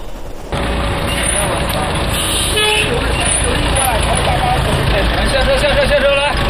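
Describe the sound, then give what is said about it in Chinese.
At dawn at the Majuqiao day-labor market in Tongzhou, southern Beijing, a busy outdoor crowd murmurs and chatters over idling engines of gig-worker buses parked at the gate and traffic rumble, with a few vehicle horns tooting. “天刚亮，位于北京南部的马驹桥零工市场内已经是人来人往，一辆辆零工大巴停靠在门口，准备好随时出发。”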